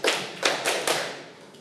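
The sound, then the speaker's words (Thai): A group of students in a classroom claps hands together in unison when asked to clap five times to show they are ready: about five sharp claps in a quick, slightly uneven rhythm, the last one fainter. No one speaks. “ถ้าพร้อมแล้วปรบมือ5ครั้ง”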